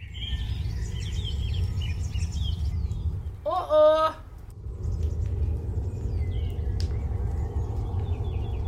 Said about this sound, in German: Oh Gott, die Vögel kommen.